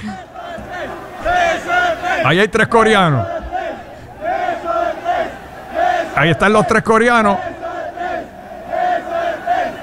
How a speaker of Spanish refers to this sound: Y los mexicanos, no sé por qué, empezaron a gritarle beso de tres. Vamos a escuchar.